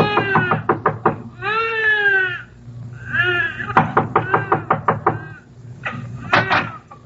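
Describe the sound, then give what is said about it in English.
A series of sharp knocks on a tenement apartment door in quick clusters, mixed with loud, wavering bleats like a goat or sheep crying out between them. “Then you knock on a door that opens into a room where Tommy Mannin was born.”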